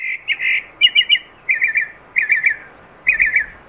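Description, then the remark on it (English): A mockingbird sings a run of bright, varied phrases, each a quick burst of three or four repeated notes with short pauses between, clear with no other sounds. “Except the whole aesthetic of that species, the whole ethos of what it means to be a mockingbird involves having an incredibly complicated, ornate, unusual, weird song.”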